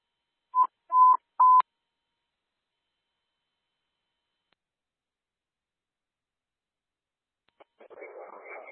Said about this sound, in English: The reader does work. Even though it's beeping, you can still swipe it. You'll get a green light, and it does open.